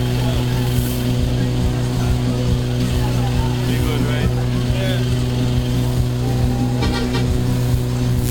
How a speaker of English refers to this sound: Folks, I can see at the bottom of High Street another large truck making its way.